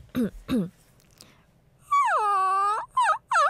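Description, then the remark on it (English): A woman imitates a crying Maltese puppy: two short rising yelps, then a long wavering whine and two more quick whimpers, fairly loud with no talking. “우는 강아지 소리를 낸 적이 있어요.”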